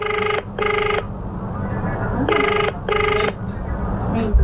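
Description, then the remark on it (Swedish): A telephone ringback tone heard while a man places a call to his wife after an earlier call dropped: two paired electronic rings, each a quick double buzz, separated by a pause, over a steady background hiss. “Efter att samtalet med Bruce bröts ringer istället Ted upp sin fru Marianne som förklarar hur det är att vara åtskild från sin man i ett halvår i stöten.”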